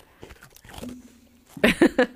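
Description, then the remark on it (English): Several people bite into a second biscuit right into the microphone, four loud, crisp crunching bites in quick succession after a quieter stretch with faint murmuring and small rustles. “Take a bite, each of you.”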